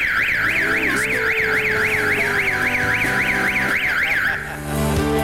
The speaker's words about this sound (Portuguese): E várias escolas particulares. Mas de qualquer maneira, toca a sirene.